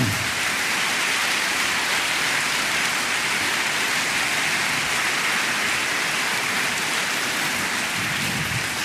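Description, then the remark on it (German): An audience at an evening stage event applauds the lighting department steadily, a dense wash of many hands clapping that holds at an even, loud level throughout, with no voices standing out. “Und das verdient auch wirklich einen großen Applaus.”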